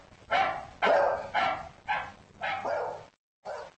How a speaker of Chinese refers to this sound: 他对吠叫声做出了应答，他能察觉出其他狗吠叫声的不同之处。